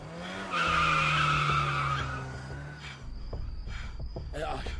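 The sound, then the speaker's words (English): Tires screech loudly as a car brakes hard and skids for about two seconds, followed by the low rumble of an idling engine and a brief voice. “Just stop the car immediately.”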